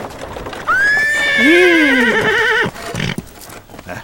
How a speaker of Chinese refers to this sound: 爹，马车拉来了。